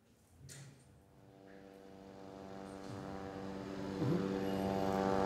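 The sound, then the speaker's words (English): A military drone hovers overhead in Gaza City, its steady, buzzing engine drone holding a constant pitch and slowly growing louder over several seconds, with no voices. “let me start by stating the fact it's actually becoming part of the daily normal right now is the drone hovering in the background in around this area, several parts across the Gaza Strip, already causing panic and stressing people out”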